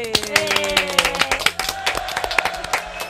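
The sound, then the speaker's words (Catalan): Loud, dense applause from a crowd at the end of the final of a youth contest, many hands clapping rapidly and continuously, with some voices and tonal sounds blending underneath throughout. “Fort aplaudiment.”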